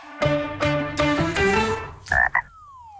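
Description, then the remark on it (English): A frog croaks in a quick series of loud, throaty, buzzing pulses, four or five in a row, followed by a short higher squeaky call that trails off. No voices. “Hey, what does the frog know about money?”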